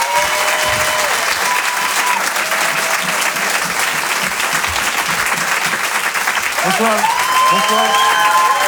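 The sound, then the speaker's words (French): Steady, dense applause from a large audience welcoming comedian Aymeric Lomprep to the stage fills the whole stretch, loud and sustained, with a few faint cheers or whistles rising over the clapping near the end. “Je vous demande d'applaudir très fort Aymeric Lomprep.”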